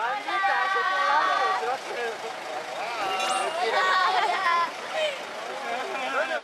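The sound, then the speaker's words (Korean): A crowd of young voices, a group of students on a tour from Peru, chatters and calls out at once in lively overlapping babble, with outdoor background noise underneath throughout, on the blocked road to Toro Toro National Park. “페루에서 단체로 관광을 온 학생들입니다.”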